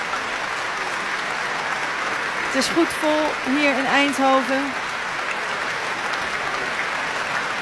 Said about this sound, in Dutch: Hij buigt met zijn cello in de hand. Liaf Kerwel. De cellist die het celloconcert van Elgar live speelde hier vanavond. In het Muziekgebouw in Eindhoven. Samen met Viel Zuid. Onder leiding van Emilia Hoving. Hij neemt het applaus in ontvangst.